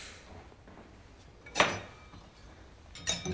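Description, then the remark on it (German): Glasses are set into a dishwasher rack so that they will not fall over: two separate bursts of clinking and rattling, each a brief bright clatter against an otherwise quiet background, with no one speaking. “Ich stell die Gläser so hin, dass sie nicht umfallen.”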